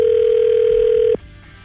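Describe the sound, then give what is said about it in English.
A single steady ringback tone on an outgoing phone call placed by the hosts of the radio show POR, a loud, unbroken electronic hum lasting about a second before cutting off, leaving faint line hiss. “We're calling to follow up with you on a date that you went out with a very talkative young man”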